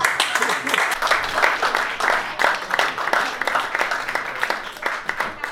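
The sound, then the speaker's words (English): An audience breaks into steady applause, a dense crackle of many hands clapping that holds at an even, fairly loud level for several seconds, with a murmur of crowd voices mixed in. “Anyone here, by round of applause, never been with an Indian guy before?”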